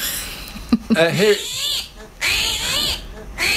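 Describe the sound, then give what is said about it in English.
An armadillo squeaks in a string of short, high, wavering calls, followed by a longer stretch of thin, squeaky, rasping noise that rises and falls in pitch. “Is that the armadillo noise?”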